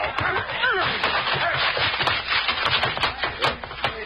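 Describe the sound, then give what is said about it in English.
The wooden door of a private office that is on fire is battered and broken down: dense, continuous crashing and splintering with repeated sharp knocks and thuds, loud throughout, with a muffled, dull tone. “Bust that door down.”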